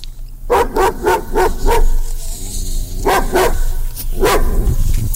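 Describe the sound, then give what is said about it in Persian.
A herding dog barks loudly: a quick run of about six sharp barks, then a short pause and two more brief bursts, over a steady low hum. “و ما این آمریکایی‌ها سعی میکنن برای هر چیزی مسابقه ترتیب بدن و یکی از این چیزها مسابقه بهترین سگ گله هست.”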